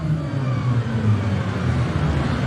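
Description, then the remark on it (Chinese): A Formula E electric race car spins its tyres in a burnout on its starting grid slot to warm the tyres before a standing start, producing a steady, loud whirring roar with a low droning hum that holds constant throughout, with no voices. “要知道呢，电动方程式的比赛呢是没有暖胎圈的，选手呢都是靠进入到发车格那一瞬间的拉烟动作啊，来为赛车呢进行轮胎的暖胎。”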